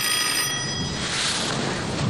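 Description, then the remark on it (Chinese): A telephone rings with a high, steady electronic trill that fades after about a second, leaving a rushing, hiss-like background noise that fills the rest of the short clip. “我接个电话啊，你先坐啊。”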